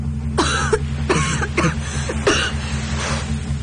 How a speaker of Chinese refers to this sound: 季慧剧烈地咳嗽着